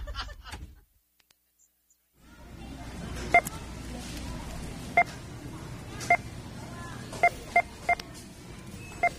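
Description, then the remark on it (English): Short, sharp electronic beeps sound about seven times at uneven intervals, some clustered close together, over a steady murmur of background noise after a brief quiet pause. “We're representing American consumption as beeps. Whenever you hear one, it means $100,000 of stuff was just bought in America.”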